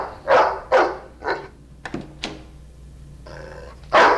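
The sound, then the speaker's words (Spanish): A dog in a house barks sharply several times in quick bursts at a person it is trying to bite, with a brief whimpering, whining stretch before a final loud bark; fairly loud, no talking. “¿Qué hay del perro? No morderá. Enciérralo en el sótano. Él está tratando de morderme.”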